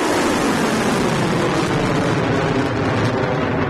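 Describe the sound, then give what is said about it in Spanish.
Sound of an Iranian drone and missile attack on the US Navy Fifth Fleet headquarters in Bahrain and a US helicopter base in Kuwait: a loud, unbroken roar of rushing, engine-like noise that holds steady throughout, with no distinct blasts and no voices. “Estos ataques han sonado así.”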